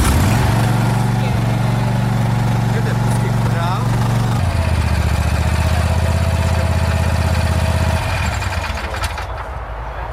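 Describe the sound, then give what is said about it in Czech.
A Vary RL102H garden tractor, a mower for regular grass cutting with collection into a bin, is started with a key and runs with a steady low drone, shifting its pitch twice before easing off near the end, while a person speaks briefly over it. “jedná se o klasický zahradní traktůrek na pravidelné sečení trávy se sběrem do koše”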